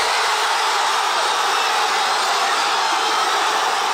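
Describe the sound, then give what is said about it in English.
A huge crowd of Argentina football fans cheers in the streets of Buenos Aires on hearing the final whistle of a World Cup win, a dense, unbroken roar that stays loud and steady throughout, with no single voice standing out. “This was the moment the fans in Buenos Aires heard the final whistle. Joy on the streets of the Argentinian capital as they look for a fourth World Cup win.”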